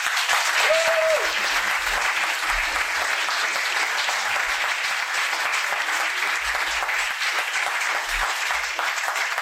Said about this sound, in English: So we've applauded our musicians. I'd like to applaud Richard right now.